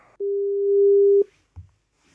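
A single steady telephone call tone as someone is phoned, one unbroken mid-pitched beep lasting about a second, loud and alone, followed after a short pause by a brief, soft low thump.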